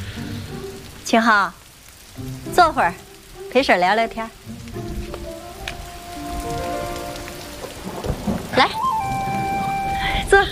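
Steady rain hisses throughout at moderate level, with a low rumble underneath and a few brief rising vocal-like glides and sustained tones cutting over the downpour.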